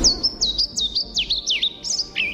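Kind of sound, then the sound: bird, european pied flycatcher song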